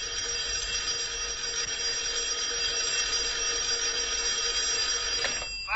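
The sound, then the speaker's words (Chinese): A telephone bell rings steadily with a bright, shrill metallic trill for an incoming call from the supply office, sustained without pause for several seconds before cutting off abruptly at the end. No one speaks. “供应处来了电话。”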